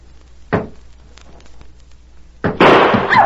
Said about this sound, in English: There. I fired point blank at that door. You can see where the bullet went through it.